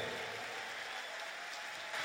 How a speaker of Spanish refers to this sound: Ese aplauso para el Señor, fuerte.